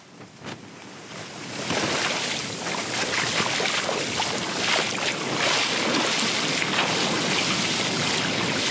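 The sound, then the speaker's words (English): Heavy ocean swell pounds the shoreline at the beachfront of Batukarasa village on Fiji's Coral Coast in a loud, continuous roar of surf that swells up after a quieter start, with large waves breaking through and some wind buffeting the microphone. No voices. “I'm standing here on the beachfront at Batukarasa village along Fiji's coral coast, where large waves continue to pound the shoreline.”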